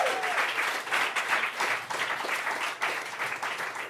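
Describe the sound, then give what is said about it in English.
A comedy show audience in Cleveland applauds steadily, many hands clapping in a dense, continuous wash that holds at a fairly even loudness for the whole few seconds, with no voices over it. “Now that you've stopped clapping, just one more time”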